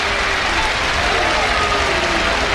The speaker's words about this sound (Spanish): Y ahora le está formando un lío gordo Fonseca al toro. Tira la montera, perdón, la muleta. Y se lleva la ovación.